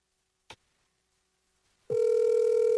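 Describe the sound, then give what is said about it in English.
A brief click, a short quiet pause, then a steady, loud electronic ringback tone from an outgoing phone call begins and holds unbroken to the end. No one speaks. “Let me just quickly call”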